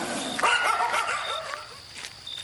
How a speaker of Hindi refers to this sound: ये तो कुत्तों की रिश्वत है मुंह बंद करने के लिए, कुत्ता साले भौंभौं करते रहते हैं।